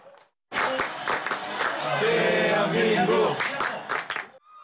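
A large crowd of World Cup fans, foreign tourists in Son Heung-min jerseys among them, cheers and chants 'Daehan Minguk' for Korea in unison, many voices rising together in a loud, sustained roar with rhythmic pulses running through it for about four seconds.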